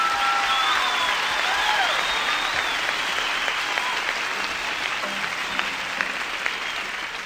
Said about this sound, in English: How about a big hand for Speck